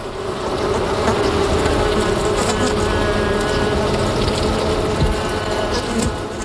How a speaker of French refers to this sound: L'abeille, c'est peut-être, aux yeux de l'homme, l'insecte le plus respecté. Celui qu'on n'écrase pas contre une vitre, comme une guêpe, parce que l'abeille, plus encore qu'un insecte, c'est pour l'homme un symbole.